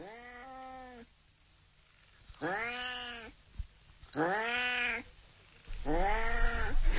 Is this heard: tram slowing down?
no